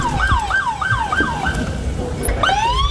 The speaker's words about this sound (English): No, I love the fact that every live shot from the park has sirens going off and crazy people screaming at the top of their lungs. The soundtrack of chaos. Following all the DEA agents over there. Lights and sirens on.